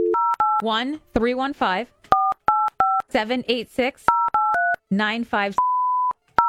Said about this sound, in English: Yeah. We're 100% calling. Call right now. There's no question that we're calling the number.